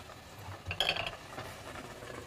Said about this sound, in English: And now that we have it boiling, we are just gonna put the lid on it.